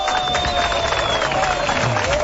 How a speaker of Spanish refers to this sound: Ponle aplausos acá.